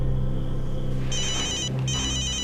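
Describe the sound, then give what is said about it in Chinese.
A telephone rings with an incoming call from Su Ming's mother, in two bursts of bright, high electronic trilling with a short gap between them, loud over a steady low hum, and no one speaks. “苏明的妈妈打电话过来。”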